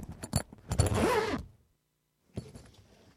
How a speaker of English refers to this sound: Oh, dashed zip. That's why I leave it open.